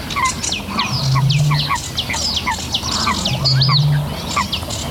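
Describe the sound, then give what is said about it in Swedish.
A sedge warbler at Tåken sings nonstop, a busy, scratchy jumble of rapid chirps and whistles layered so that it sounds like two birds at once, with brief low humming notes underneath. “Det låter som två fåglar, men det är sävsångaren som gör båda rösterna samtidigt.”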